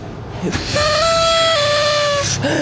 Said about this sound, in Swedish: Japp, jag har med mig, som man säger bör när man ska träffa ett födelsedagsbarn, en partytuta. Jag tänkte ställa mig på Essingeleden och blåsa i den och hoppas att det här förgyller både Essingeledens och alla bilisternas dag.